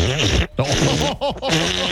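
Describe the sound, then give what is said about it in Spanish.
A person imitates snoring with throaty, groaning voiced sounds, several rising-and-falling bursts separated by brief pauses, fairly loud. “Ese es ronquido.”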